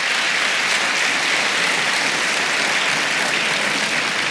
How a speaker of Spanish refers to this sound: Vamos, dele palmas al Señor. Si va a aplaudir, le aplauda con gozo.